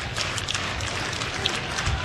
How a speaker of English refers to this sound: Crowd getting into it again.